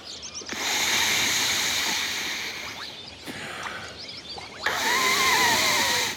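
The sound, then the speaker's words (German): A person lying on an inflatable swim ring in water blows a little more air into it, in three sustained hissing rushes separated by brief pauses, fairly loud with no voices. “Wenn ich jetzt ein ganz klein wenig mehr Luft dazu puste...”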